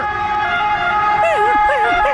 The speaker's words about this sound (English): There you go, the little rabbit hole that I went down last night. Who knew that we have different sirens around the world for our fireys?